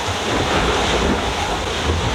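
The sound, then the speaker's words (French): Steady roar of strong wind and crashing waves, loud and continuous, with wind buffeting the microphone as a sailboat moves through rough water with spray. No one speaks. “Je sais pas si on entend l'ambiance du bord, mais c'est vraiment assez dur.”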